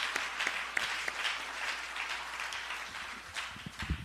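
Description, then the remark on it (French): A crowd applauds steadily to give glory to God, a dense wash of many hands clapping at an even, moderate loudness, with a few sharper individual claps and some low thumps toward the end. “Alors, à nous, bon Dieu, gloire, à nous, applaudis, bon Dieu, pour ça.”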